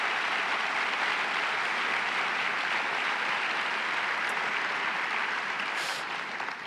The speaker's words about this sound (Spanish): Y la obra ganadora ha sido Diapus Daripeta, Erased from the Map, de Marij Reca. Un fuerte aplauso para todo su equipo, por favor.